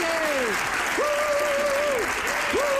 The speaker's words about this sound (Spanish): ¡Andreu Buenafuente! ¡Andreu! ¡Un aplauso a Andreu Buenafuente!